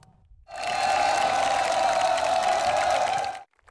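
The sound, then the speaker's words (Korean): A large group of Marine Corps soldiers of the Yeonpyeong unit cheering enthusiastically as President Lee Jae-myung, in military uniform, appears on the parade ground; a loud sustained roar of many voices with a strong shouted tone, lasting about three seconds before cutting off abruptly. “장병들의 열렬한 환호 속에 군복을 갖춰 입은 이재명 대통령이 연병장에 등장합니다.”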